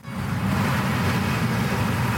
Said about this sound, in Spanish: Lo que estoy, igual suenan coches.